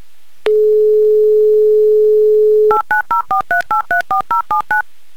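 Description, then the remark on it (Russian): A steady, low telephone dial tone hums for about two seconds, then eleven quick two-note keypad beeps follow in a brisk, even rhythm as a number is dialed to call a mobile phone in Pervouralsk. No voices. “Так, номер мы набрали. Попробуем дозвониться до Первоуральска.”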